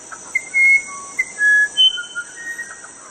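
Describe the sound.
A bird-call whistle imitating birdsong: several short, clear, high-pitched whistled notes and brief trills in quick succession, over a faint steady background hiss with no talking.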